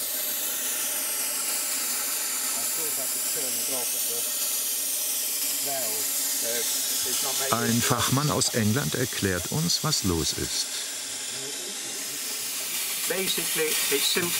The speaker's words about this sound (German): Eigentlich ist es einfach undicht. Dampf entweicht aus der Leitung. Mit dem Ventil kann man es nicht abstellen. Es geht nur, wenn man die Verbindung zur Lok unterbricht.